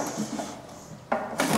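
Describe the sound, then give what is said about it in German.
A wooden drawer slides with a soft rumble, then shuts with two quick scraping knocks near the end. No one speaks. “Also rein in die Schublade.”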